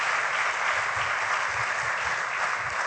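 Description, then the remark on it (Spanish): An audience claps steadily to give the Lord a strong applause, dense overlapping applause holding at an even, loud level for the whole stretch with no voices over it. “Let's give the Lord a strong applause.”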